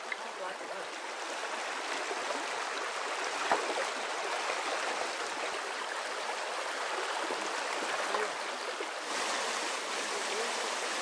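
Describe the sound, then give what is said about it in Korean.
A mountain stream rushes steadily over rocks, a dense, continuous wash of bubbling water that stays fairly loud for the whole stretch without a break; stepping stones have been laid across it for a boy to cross. “아버지 역시 지금처럼 징검다리를 놓아 아들이 개울을 건널 수 있도록 해주셨죠.”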